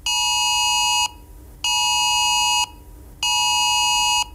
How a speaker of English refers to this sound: It's the government issuing a severe alert to mobile phones to warn of a very high risk of wildfires and tell people not to undertake any activity which could start a fire